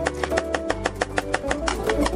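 A knife chops chicken into small pieces on a cutting board for tavuk kavurma. About a dozen quick, steady, sharp taps come in a rapid even rhythm over a low continuous hum, with no one speaking.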